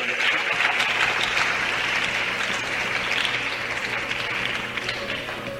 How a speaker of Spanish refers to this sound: Dele aplauso a papá Dios.